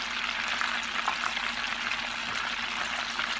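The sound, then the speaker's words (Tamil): Small mustard, cumin and fenugreek seeds (about ten each of cumin and fenugreek) sizzle and crackle steadily in leftover hot oil, a continuous frying hiss with faint popping throughout and no voices. “வச்சதுக்கு அப்புறம் மீதி எண்ணெய் இருக்கும் இல்லைங்களா, அதுலயே வந்து கொஞ்சமா கடுகு, ஒரு 10 போல சீரகம், ஒரு 10 போல வெந்தயம், இத வந்து அதுல போட்டு பொரிக்கலாம்.”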